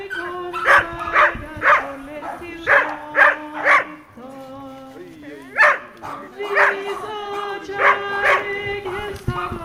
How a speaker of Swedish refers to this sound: Det var som många hundar och glada människor. Så att det var jättefint.